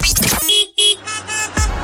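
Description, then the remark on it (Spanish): Several car horns honk in quick succession over a busy traffic din, some short toots and some longer blasts, loud. “Si vas manejando y el tráfico no se acaba, es momento de escuchar ….”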